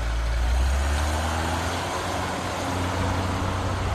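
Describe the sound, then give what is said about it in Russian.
A car engine runs with a steady, loud low rumble and broad road noise, holding an even level throughout as the car moves off from the garages, turning left around the town toward the district hospital, with no voices. “И мы поехали.”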